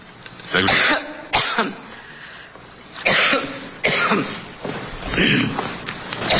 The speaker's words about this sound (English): I guess I have something in common with Hillary Clinton. Don't say that. Well, she had that problem when she went into that coughing fit. Excuse me. You need some water, madam?